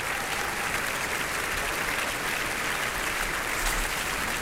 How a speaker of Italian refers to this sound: Sentiamo ancora molti applausi da Salisburgo, ascoltiamone ancora un po'.